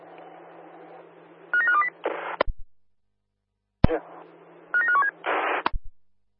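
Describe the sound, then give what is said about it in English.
A short burst of telephone dialing tones sounds twice in a row, each time over a steady hiss and followed by a crackly noise burst and a sharp click, then silence. “Stand by. I will give you a call, over.”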